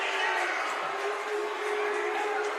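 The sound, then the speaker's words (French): A baseball crowd boos in a steady, continuous wash of massed voices that holds at an even, fairly loud level for the whole stretch, with a low drawn-out tone running underneath. “Vous entendez quelques huées, c'est normal.”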